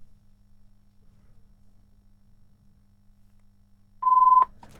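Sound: telephone ringing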